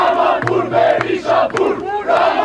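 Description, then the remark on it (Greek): A large crowd of protesters clashing with police outside the Albanian parliament shouts in loud, rolling waves, many voices rising and falling together in rhythmic bursts of chanting and yelling, with sharp cracks punctuating the din, as police use water cannon and tear gas and protesters throw objects. “Διαδηλωτές συγκρούονται με ισχυρές αστυνομικές δυνάμεις έξω από το κοινοβούλιο της Αλβανίας.”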